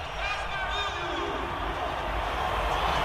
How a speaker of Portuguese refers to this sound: Seleção marroquina que tem história, Brasil nesse momento tendo testado a sua torcida. Vamos ouvir um pouco da torcida brasileira aqui em Nova York, ó.